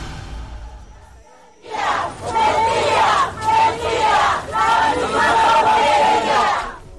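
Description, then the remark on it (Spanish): A large crowd of protesting teachers from Section 22 of the CNTE in Oaxaca shouts and chants at the president in loud, rising waves, many voices yelling together in repeated bursts that swell and ebb for several seconds after a brief low rumble. “La misma porquería, así le gritaban a la presidenta.”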